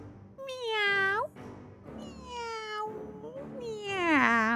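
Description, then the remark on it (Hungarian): A cat meows loudly, several drawn-out, wavering calls in a row, the last one the longest and most insistent, with no talking around it. “A tyúkanyó után puha lépteivel előállt a macska.”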